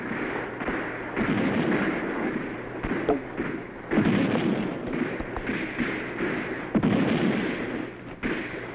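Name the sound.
cannon fire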